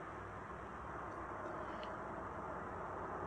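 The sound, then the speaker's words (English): A steady, continuous roar of interstate traffic, cars streaming past with no single vehicle standing out, fairly quiet and unbroken for the whole stretch. “We start with Graham Plattner, who likes to just sit around and listen to the cars on the interstate as he makes major announcements.”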